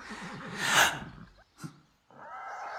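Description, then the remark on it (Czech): A horse whinnies with a quavering, wavering call and a loud breathy blast as a girl struggles with it, then gives a short snort before a steady rushing noise takes over; no one speaks. “Nějaká dívka zápolí s koněm.”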